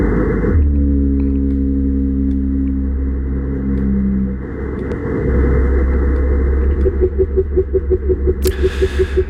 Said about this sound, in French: Donc, le Monterey Bay Aquarium Research Institute, qui ont constaté, donc, une raréfaction importante de ces émissions sonores, particulièrement le chant des baleine bleue, dont je vous invite à écouter donc un extrait.